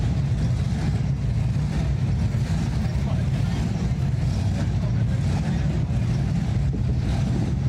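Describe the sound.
Deep, throaty classic hot rod engines rumble and rev continuously, a heavy low growl that stays fairly steady, with muffled voices and general outdoor commotion mixed underneath, at the Show and Shine car event on the bricks of 2nd Avenue in Kearney, Nebraska, as the cars parade.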